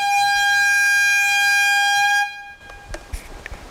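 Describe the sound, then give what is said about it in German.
A loud, piercing warning siren, heard across the Mellentiner Heide and announcing an imminent controlled bomb detonation, sounds one steady, unwavering tone for about two seconds, then cuts off abruptly, leaving a few faint knocks and rustles. “Doch zunächst ist weit über die Mellentiner Heide hinaus jenes durchdringende Signal zu hören, das eine baldige kontrollierte Bombendetonation ankündigt.”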